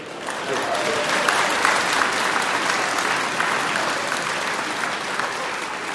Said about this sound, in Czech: Jsem vám vletěl do potlesku, promiňte, ne?